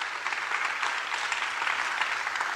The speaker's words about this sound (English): Let's give one more round of applause for our community picks.